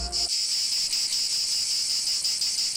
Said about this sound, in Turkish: Ağustos böceğinin yazları şarkı söyleyip tembellik yaptığı, kışında bu yüzden aç kaldığı masalının gerçek olmadığını bilirsiniz.